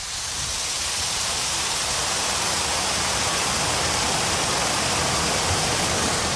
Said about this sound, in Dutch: Links de rivier die langzaam afstroomt in de richting van Ommen. Van rechts komt het water uit Hardenberg. En hier bij die Stuw in Junne klinkt dat, ondanks de droogte, gewoon zo.